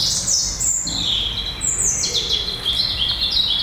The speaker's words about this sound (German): Hier haben wir ein wunderschönes Duett. Wir hören einmal die Amsel auf der Seite laut.